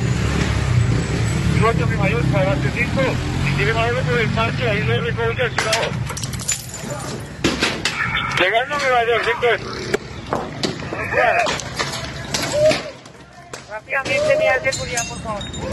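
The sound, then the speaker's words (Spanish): A chaotic street clash in the La Leona sector of La Estanzuela as women attack police with stones and sticks: several voices shout and yell over a steady traffic rumble while sharp, scattered clattering impacts ring out, like stones striking hard surfaces. “Piedras y palos, así recibían a la policía estas mujeres que organizaban todo lo que pasa en la Estanzuela.”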